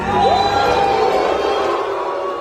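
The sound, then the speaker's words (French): A loud film festival audience at an official screening boos and whistles at the Canal+ logo shown on screen before the film, in a steady, dense roar, with shrill whistles rising above the crowd noise throughout the short burst. “Et puisqu'on parlait de tension, il faut préciser à nos auditeurs que depuis le début du festival, à chaque projection officielle ou presque, le logo Canal qui apparaît avant les films à l'écran est sifflé et hué par une bonne partie des spectateurs.”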